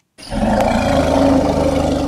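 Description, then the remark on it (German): A deep, sustained infrasound rumble of an African elephant, pitched up by computer to be audible to humans, starts abruptly after a brief silence and holds steady and loud with a growling, throaty texture throughout. “Afrikanische Elefanten kommunizieren mit sogenannten Infraschalltönen, und zwar kilometerweit.”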